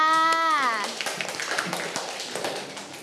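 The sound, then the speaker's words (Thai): Children in a class break into a burst of quick, scattered clapping for a classmate that keeps going after a woman's brief spoken line, a lively group applause. “เก่งมากค่ะเด็กๆปรบมือให้เพื่อนค่ะ”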